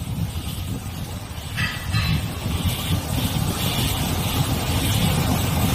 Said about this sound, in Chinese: 我是听到这个轮胎在路面这个行驶过程当中那个咕噜哗哗哗哗这个 对，就是这个声音。